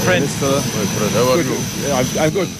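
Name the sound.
airplane engine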